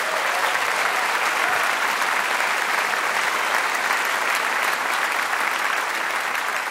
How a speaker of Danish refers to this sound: Giv ham et bifald.